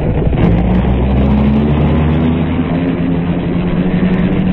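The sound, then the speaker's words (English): A car-driving sound effect: a steady low engine drone with a rumbling hum, like a car driving along at an even pace, loud throughout with no voices. “In a dark car with a hat pulled well over its eyes, Seacombe was next driven to a submerged airport.”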